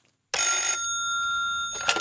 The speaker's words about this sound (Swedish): Jaha, jag ska lyfta luren. Jag hörde att det ringde där.